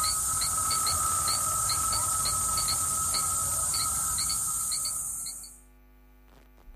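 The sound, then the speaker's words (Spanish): A dense, shrill cicada drone fills the high range with a steady buzz, while crickets add repeated short high chirps over a noisy background; everything cuts off abruptly near the end. “Bueno, pues nada, 13:49, dejamos a la cigarra y a los grillos y nos vamos con el tráfico.”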